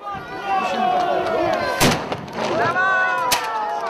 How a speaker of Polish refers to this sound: I też w tym roku zamiast moździerza, tak jak co roku mieliśmy, mamy nowy nabytek, mosiężna mała armatka, więc będzie pewna nowość, która potężnie huczy i mamy nadzieję, że jeszcze lepiej wesprze naszą obronę niż moździerz.